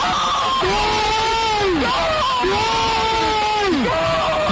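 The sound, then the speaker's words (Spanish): A stadium crowd of Zaragoza fans roars and screams at a football goal, a dense wall of voices swelling into two long, sustained cheers that rise and then trail off, loud and continuous throughout. “¡Gol! También podría ser yo gritando.”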